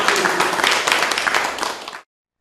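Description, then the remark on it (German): An audience in a presentation room in Lutherstadt Eisleben claps together in a dense, steady burst of applause for about two seconds, then it cuts off abruptly into silence. “Und ich denke, da können wir vielleicht auch dafür nochmal einen Beifall spenden.”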